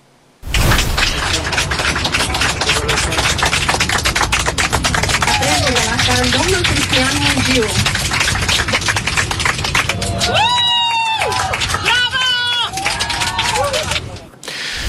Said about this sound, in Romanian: Chiar în aceste momente, Cristian Mungiu este în avion, în drum spre București. A fost primit cu aplauze pe aeronavă.